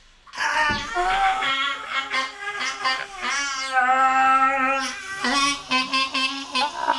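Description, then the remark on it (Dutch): A crowd of voices shouts together in one long, loud, sustained scream, wavering and overlapping for several seconds with no break, intense; a group screaming all together on a count of three as an energy boost. “Met z'n allen schreeuwen. Op drie schreeuwen we het uit.”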